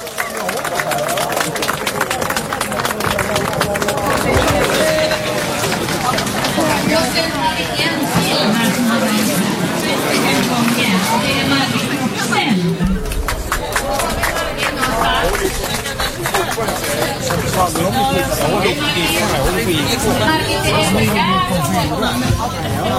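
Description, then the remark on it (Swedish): Loud, sustained audience applause fills the whole stretch, a dense wash of many hands clapping with crowd chatter and cheering mixed in, holding steady without fading. “En stor applåd!”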